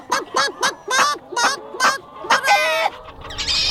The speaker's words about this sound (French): Vas-y, mon coq, agite tes ailes pour éloigner ce renard. Perce-lui les tympans à cette espèce de canidé de basse-cour. Fais trembler ses moustaches. Donne-lui la chair de poule.